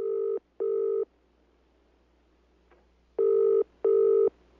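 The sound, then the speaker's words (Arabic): A telephone ringing in two clear double-ring bursts, each a steady electronic purr, separated by a couple of seconds of near silence, introducing a phone question on a Quran radio station from Hadramawt. No one speaks. “سؤال على الهاتف.”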